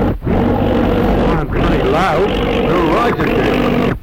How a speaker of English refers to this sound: Oh, it's an aeroplane right overhead. Oh, look, Dad. It isn't often we see a plane up here. It sounds to me as if there's something wrong with it.